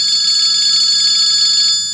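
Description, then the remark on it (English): A telephone rings with a steady, loud electronic trill, high bright tones pulsing continuously for about two seconds before fading slightly at the end, with no voices. “At least the phone's ringing and things are starting to get better, I think.”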